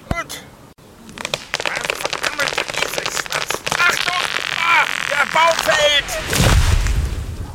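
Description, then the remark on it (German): A small axe chopping into a tree to fell it, a series of sharp, irregular woody thwacks, followed by splintering crackles and a deep, rumbling crash as the tree falls, with voices heard over it. Each tree takes three blows. “Ich brauche ganze 3 Schläge, um einen Baum zu fällen.”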